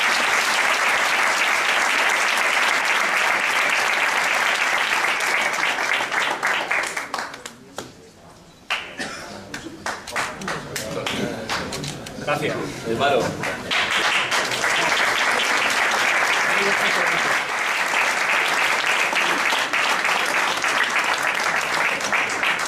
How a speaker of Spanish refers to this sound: Y este es un aplauso especial por eso. También.